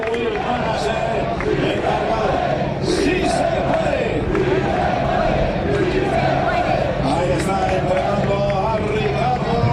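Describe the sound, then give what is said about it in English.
A loud, dense roar of a crowd cheering in Spanish at the MotoGP race at Motorland Aragon, Spain, after Marc Marquez's victory, fills the whole recording, with overlapping shouts and voices rising in waves and occasional higher yells breaking through. “They are cheering there in Spanish below us.”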